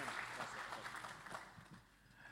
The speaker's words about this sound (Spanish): Bien, invitamos al pastor, pase nomás. También le damos un fuerte aplauso.